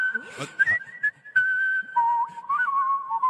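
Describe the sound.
A four-time whistling champion and Whistling Hall of Fame member whistles a clear, sustained melody with quick high trills and pitch flourishes, fairly loud, with a few short breathy bursts between phrases.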